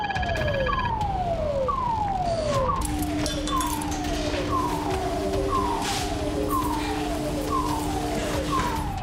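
An airport fire station crash alarm, signalling an assumed aircraft crash, sounds, a loud tone sweeping downward in pitch about once a second, with a steady lower hum joining in, over a constant roaring background.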